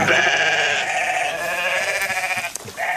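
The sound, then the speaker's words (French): Sheep bleat loudly, several overlapping wavering calls filling the whole moment with a brief break near the end before another bleat starts; the sheep graze 200 hectares of rare calcareous grassland in a national park. “Avec le mouton, le parc national prend donc soin de ses 200 hectares de pelouse calcicole, rare et menacée, un sol calcaire riche en biodiversité.”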